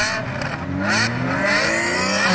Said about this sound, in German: Ja, Autoposer sind da ja Dauergäste. Sie nerven nachts vor allem mit Lärm, aber auch mit riskanten Fahrmanövern und Abgasen.